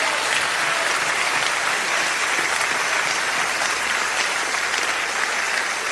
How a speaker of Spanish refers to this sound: Vamos a dar un aplauso fuerte a Dios.